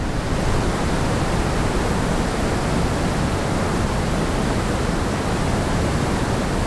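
Continuous brown noise, a deep, rumbling hiss weighted toward the low end, holding perfectly steady at a fairly loud level for the whole stretch with no voices or breaks.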